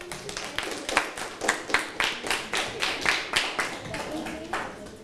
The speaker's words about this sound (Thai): ในส่วนนี้ขอเสียงปรบมือให้กับเพื่อนด้วยครับ